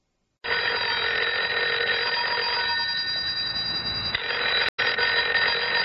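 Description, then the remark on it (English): A telephone rings in the middle of the night, continuously with a bright, metallic bell tone, loud, with one short break near the end before ringing resumes. No voices are heard. “Oh, the phone. In the middle of the night.”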